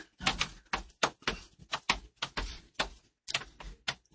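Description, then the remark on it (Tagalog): Keyboard keys clacking in a quick, uneven burst of sharp presses, fairly loud, with a brief pause before the typing resumes. “Got a keyboard.”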